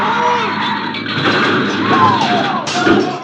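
A loud, sustained crash of a truck slamming into a car: dense grinding, crunching noise with scraping squeals, then a sharp fresh impact burst near the end.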